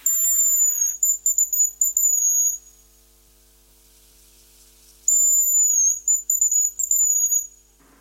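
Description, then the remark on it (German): A hazel grouse calls twice, each a very high, thin whistled phrase lasting about two and a half seconds, rising then trilling, separated by a quiet pause. No voices are heard. “Das ist das Haselhuhn.”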